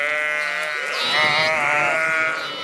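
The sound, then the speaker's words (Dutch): A sheep bleats in a long, wavering cry full of harmonics, the pitch rising and wobbling before trailing off, with no speech over it. “Schat, tel je nu alweer schaapjes?”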